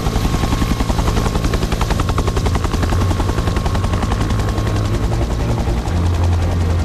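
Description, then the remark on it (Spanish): A firefighting helicopter flies about 15 metres from the flames of a wildfire, amid smoke, about to drop thousands of litres of water; its rotor blades beat in a fast, steady chop over a loud, continuous engine roar, with no voices throughout. “Están escuchando un helicóptero a 15 metros de unas llamas, con el humo borrando el horizonte, con unos segundos para decidir dónde descargar miles de litros de agua.”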